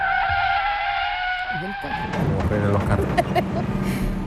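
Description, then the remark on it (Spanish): A loud, sustained tire screech rings out for about two seconds as a cart skids on a street, about to run over a village woman, then breaks into rough rumbling and clattering noise as it jolts to a sudden stop. “En el escenario se ve como una calle y un carro que está a punto de atropellar a una aldeana.”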